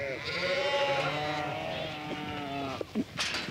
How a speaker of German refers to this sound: Mit 4 Schafen fing Patricia vor 2 Jahren an. Jetzt hat sie mehr als 400.